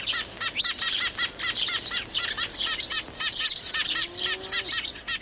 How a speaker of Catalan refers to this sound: Pardal xerrec. Passer montanus. Ocell que trobem al curs mig i al curs baix del riu, especialment a les zones del camp obert i de conreu.